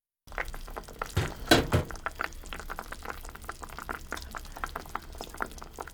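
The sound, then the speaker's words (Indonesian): Chicken broth simmering in a pot after the chicken has cooked for about 20 minutes, with steady bubbling and irregular pops and gurgles; a brief louder burst of bubbling near the start, then a continuous moderate simmer with no voices. “Daging ayam telah dimasak selama sekitar 20 menit. Ayo, kita lihat hasilnya.”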